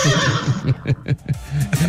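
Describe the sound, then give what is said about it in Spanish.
A horse neighs loudly, a long whinny that quavers through rapid pulses over about two seconds and then rises again at the end. “Esa única respuesta la puede dar el caballo, que está pidiendo ADN del pelado que viene.”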